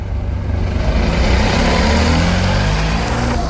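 A car engine rumbles steadily, its low drone holding even as another car rolls in and pulls up at a school being prepared as a polling station in Olomouc, Czech Republic, with no talking over it.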